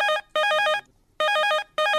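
A phone call ringtone on a call-in programme chimes in bright, warbling bursts as a listener's call is put through, two short rings separated by a brief pause, loud, with no voices present.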